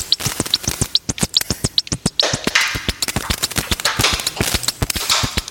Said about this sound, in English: A snare drum sound designed using a short audio recording of two sheets of wide ruled paper being rubbed together.